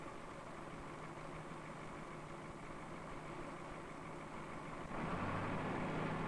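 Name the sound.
heavy machine engine idling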